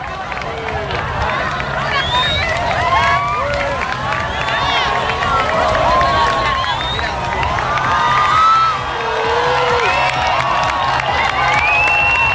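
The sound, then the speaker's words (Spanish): A large outdoor crowd applauds and cheers steadily as the sun reappears after a total solar eclipse, the people gathered on the rocks at places such as Calodesmoro or Calagrasió. Many overlapping shouts and high whoops rise above dense clapping, loud and sustained throughout. “Al final, finalmente apareció la corona de luz y cuando el sol comenzó a reaparecer, llegó este segundo aplauso colectivo.”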